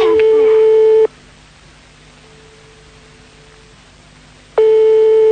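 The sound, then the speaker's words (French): A telephone rings unanswered on the line: a loud, steady mid-pitched ring tone sounds for about a second, falls silent for several seconds with a faint hum, then sounds again. “Pour l'instant, maintenant, ça sonne dans le vide.”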